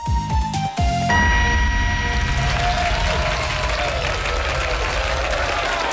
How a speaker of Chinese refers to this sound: 感谢大家的掌声鼓励啊。